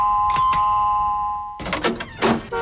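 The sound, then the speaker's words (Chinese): A room door in the Sea Star Building (海之星大厦) is opened: a steady ringing tone with two sharp taps, then a loud burst of latch clicks and rattling movement as the door swings. No voices. “肖雷打开门”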